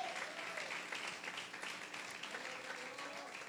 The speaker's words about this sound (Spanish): Alabe a Dios y dele un aplauso al Señor, hombre.